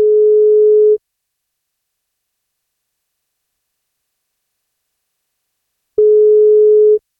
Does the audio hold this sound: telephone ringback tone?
yes